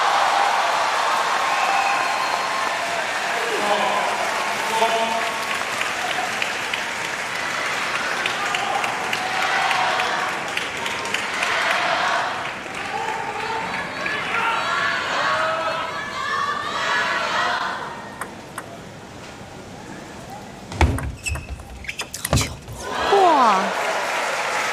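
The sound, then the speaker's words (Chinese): Sustained applause and cheering from a large crowd at a table tennis match between Fan Zhendong and Truls Moregård, a dense steady roar of clapping with excited voices, then it thins out near the end as a few sharp ball-bounce sounds emerge. “这分给双方都鼓鼓掌啊！”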